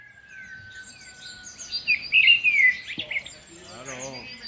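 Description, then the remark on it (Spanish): Birds chirping and trilling in quick, high bursts, densest in the middle, with a thin steady whistle underneath; a voice briefly murmurs near the end. “A mí los pajarinos y cosas así.”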